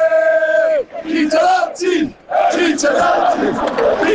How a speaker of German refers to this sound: Ja, und Schweiz jubelt.